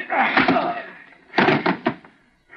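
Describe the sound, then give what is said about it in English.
A man is knocked cold by a blow from a pistol butt to his head: after a rough scuffling rush of noise, several heavy thuds land in quick succession, then things go quiet. “Just knocked him cold with my pistol butt.”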